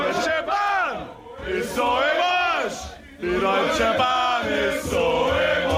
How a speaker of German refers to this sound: Grölende Fußballfans, die unzufrieden sind mit der neuen Regel.